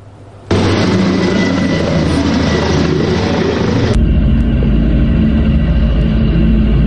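A loud, steady engine drone of attack drones flying overhead cuts in abruptly and holds; partway through, its tone shifts lower and rougher but keeps roaring without pause. The drones are part of a mass attack on Moscow Oblast, Russia, on the morning of Sunday 16 August.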